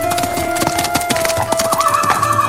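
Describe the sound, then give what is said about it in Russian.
Horse hooves clip-clop in a quick, uneven rhythm, fairly loud, as a horse walks over hard ground, with a faint steady tone underneath and no voices; Alexei rides his horse to Muromsky's and stops it before the porch of the Priluchino manor. “– спросил он, останавливая свою лошадь перед крыльцом Прилучинского замка.”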